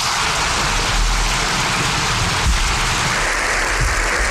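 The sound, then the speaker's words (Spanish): Dense, sustained applause recorded in the parliament chamber of the Congreso de los Diputados, a steady hiss of many hands clapping at once with no pauses and no voices, holding an even loudness throughout. “Son aplausos que hemos recogido del Congreso de los Diputados”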